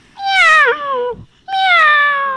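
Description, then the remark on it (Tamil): Two loud, drawn-out, high-pitched kitten meows with a short pause between them and no talking, in what sounds like a child's voice imitating a kitten. “இது பேர் குட்டி பூனை.”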